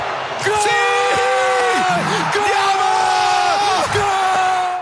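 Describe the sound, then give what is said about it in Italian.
A big crowd roars together in loud, sustained celebratory shouting during a World Cup football penalty shootout against Argentina, many voices rising and holding long drawn-out yells that fill the whole stretch without a break. “Prendiamo l'ultima boccata, riempiamoci i polmoni e accompagniamolo tutti assieme per poter assieme gridare tutti quanti.”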